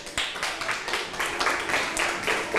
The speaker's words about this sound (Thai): เพื่อนตอบว่า24เมตรถูกไหมคะ ถ ู ก ถูกต้องค่ะปรบมือให้เพื่อนหน่อยค่ะ